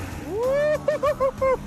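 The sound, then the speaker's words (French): A car engine with a turbo and induction ignition, just started, spools up in a long rising whine, then revs in four or five short, sharp bursts, each a steady high-pitched tone with a low rumble underneath. “J'entends le turbo. On l'entend gronder.”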